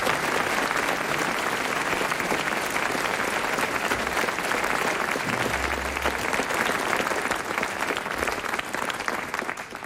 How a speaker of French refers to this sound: Il a été très brillant, Hervé Le Tellier, on l'applaudit.